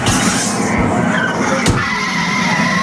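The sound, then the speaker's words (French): Busy city traffic in Tokyo with cars rushing past, engines droning loudly and tires hissing on the road, plus a sharp brief squeal partway through; no one speaks. “Faites attention aux voitures, ne vous faites pas écraser.”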